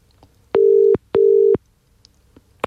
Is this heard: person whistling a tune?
no